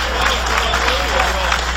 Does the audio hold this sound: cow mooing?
no